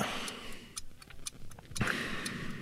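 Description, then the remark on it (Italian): A large clock ticks steadily, its sharp clicks repeating at an even pace over a soft, hissy background. “guardate l'ora, guardate l'orologio, adesso è un orologio grande che vi fa capire il tempo che trascorre.”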